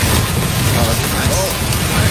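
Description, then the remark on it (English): Steady, dense rain patters down on a roof in a continuous wash of hissing and tapping, fairly loud, with a faint murmur of voices briefly underneath. “Number one is rain on a roof or window.”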